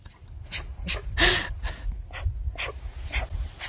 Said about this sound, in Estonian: See oli üks noor karu.